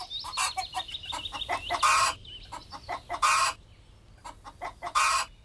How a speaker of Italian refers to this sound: La gallina, vedi, te lo dicevo, la mandano apposta per innervosirci.